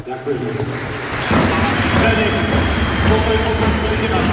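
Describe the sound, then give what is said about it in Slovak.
A large crowd in Trenčín breaks into applause at Zdeno Chára's farewell match, a final round of applause for his recently deceased father: a dense, steady wash of clapping that swells suddenly after a brief murmur and keeps going loudly to the end. “Rádi bychom vás poprosili o poslední potlesk pro jednoho z našich hostí, který se nemohl dostavit.”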